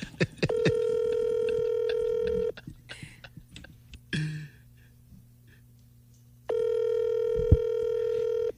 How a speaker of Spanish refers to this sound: Otra vez me está rechazando la llamada. Aquí estoy llamando. Por WhatsApp.